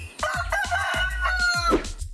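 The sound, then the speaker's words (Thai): A rooster crows loudly and powerfully, one long sustained cock-a-doodle-doo lasting about two seconds, with no voices around it. “ส่วนไก่ไม่ชอบน้ำเลยมันว่ายน้ำไม่เป็นและมันมักจะใช้เท้าของมันเดินคุ้ยเขี่ยหาอาหารกินตามพื้นดินและมีเสียงขันที่ทรงพลัง”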